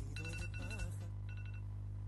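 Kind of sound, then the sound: signal or alarm, phone alarm ringing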